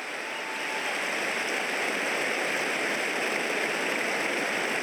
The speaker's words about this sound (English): So Brody's now been lifted by the six Melbourne staffers and about to be placed onto the Medicab. That's the cheer that you can hear.